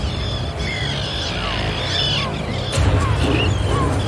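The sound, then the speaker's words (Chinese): Arctic terns at a nesting colony, where they nest on the ground and raise chicks, give harsh, raspy calls, many short downward-sliding screeches overlapping without pause, above a steady low rumble that grows slightly louder near the end. “北极燕鸥会在这里抚养雏鸟，而且就在地面上筑巢。”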